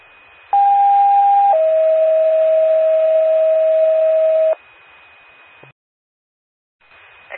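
Two loud sustained ambulance dispatch paging tones in Macoupin County, in sequence: a brief higher tone of about one second stepping down to a longer, lower one lasting about three seconds, over faint radio hiss, then a click and silence.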